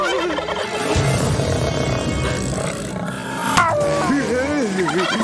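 A turkey gobbles in loud, warbling bursts over a busy, layered background, with the wavering calls rising more clearly near the end.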